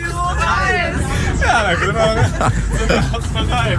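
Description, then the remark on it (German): Steady low rumble inside a moving bus heading to a radio awards ceremony, under constant overlapping passenger chatter, many voices talking at once, with the engine drone filling the low end throughout. “Also wir sitzen nicht im Zug, der rollt, wir sitzen im Bus, der rollt.”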